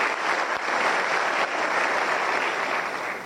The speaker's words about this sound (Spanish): Muchas gracias. Están presentes acá y realmente un aplauso.